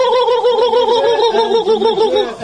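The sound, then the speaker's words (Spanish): A turkey gobbles in a rapid, wavering warble that runs continuously for a couple of seconds, loud, with no talking over it. “El pollo pavo, Dios mío.”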